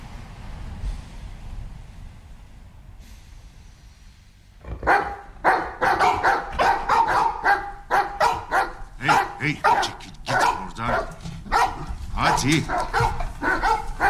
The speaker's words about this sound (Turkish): Lütfen şu köpekleri susturur musun?